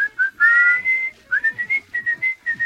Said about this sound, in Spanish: Claro, llegando llegaste también otro tema. El que era silbado en un principio.